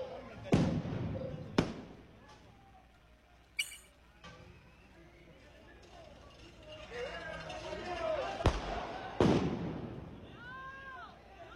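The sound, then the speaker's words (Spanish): Firework rockets bursting in a handful of sharp, loud bangs at irregular intervals, each a sudden crack that fades quickly, with murmuring voices and outdoor crowd noise in the background. “Ahí le mando, dice, a ver. Mándele. Cohetes.”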